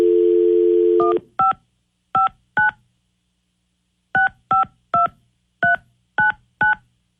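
A steady dial tone hums for about a second, then gets cut off by a run of crisp keypad beeps: three, a pause, then six more in quick succession, clear with no voices, as a phone call is dialed on the 102.5 KDON radio show.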